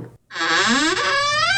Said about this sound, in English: Open the door!